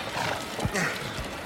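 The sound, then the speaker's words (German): Horses gallop at a steady beat through the streets of Aglaia, drawing a vehicle with rhythmically rotating wheels, hooves thudding with a snort among the rhythm, then a sharp knock at the end. “Im rasanten Galopp bahnten sich die Freunde ihren Weg durch die Straßen Aglaias. Das Schnauben der Pferde vermischte sich mit dem rhythmischen Rotieren der Räder”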